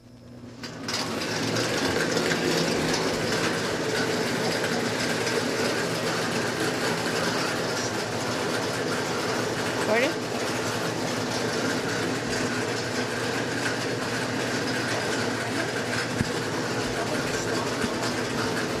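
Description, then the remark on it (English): A bingo ball machine, switched on for game one of a bingo game, runs steadily, a loud, even mechanical whir with a constant hum underneath and faint rattling on top, starting up in the first second and holding unchanged to the end. “I'll get the machine turned on here.”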